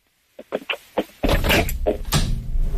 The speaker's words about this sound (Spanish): No, es que le dije a Angélica que cerrara la puerta.